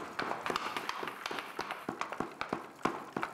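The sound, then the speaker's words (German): An applause machine built with bicycle chains makes a dense patter of sharp, clap-like mechanical taps at an irregular, non-rhythmic pace, mimicking scattered applause, with a faint metallic rattle between the hits. “es einfach dann, das hat total Sinn gemacht, dann irgendwie eine Applausmaschine zu bauen. Und hier habe ich mit Fahrradketten gearbeitet, die für die Übersetzung da sind.”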